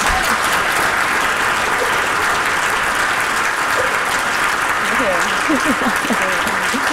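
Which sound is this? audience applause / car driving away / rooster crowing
audience applause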